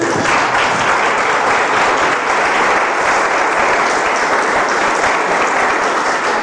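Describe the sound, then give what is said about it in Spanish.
A church audience claps loudly and steadily during a sermon, a dense wash of applause from many hands that holds at full strength without fading for several seconds. “Dale un fuerte aplauso.”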